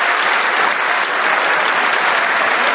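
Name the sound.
audience applause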